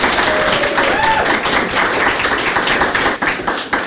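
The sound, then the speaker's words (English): Steady, dense applause from an audience welcoming a poet to a reading fills the whole stretch, a sustained wash of many hands clapping at once, loud, with faint voices mixed in. “So everyone, please, thunderous. See what I did? Thunderous applause”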